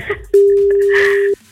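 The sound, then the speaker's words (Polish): A single steady ringback tone from an outgoing phone call placed by Melo Radio sounds for about a second, a clear sustained electronic beep, with faint background chatter before and after it. “Ma 5 sygnałów, żeby to zrobił.”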